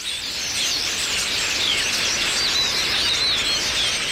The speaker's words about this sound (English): north of the Wichita Airport Control Tower, gathering to roost in a cluster of trees near Yingling Aviation. It starts quietly. Around 8:30 p.m., the sky is clear. But one by one, and then dozen by dozen, the birds start arriving from all directions.